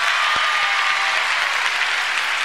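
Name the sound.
audience hand clapping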